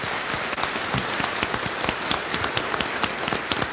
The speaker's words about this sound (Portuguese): Uma salva de palmas para todos os batizados e batizadas. Mais forte, está muito fraco.